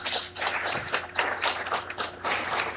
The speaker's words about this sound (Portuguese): Gratidão a cada um e a todos. Que Deus abençoe. Uma salva de palmas a todos eles.